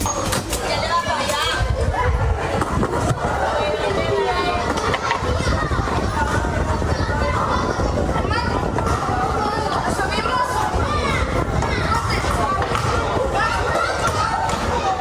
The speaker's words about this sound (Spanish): El sonido de hoy nos llega desde la urbanización Puerto Mar, en la manga del Mar Menor, junto a la zona del Estacio, en el kilómetro 14. Son niños jugando al caer la tarde, corriendo, riendo, montando en bicicleta o inventando cualquier excusa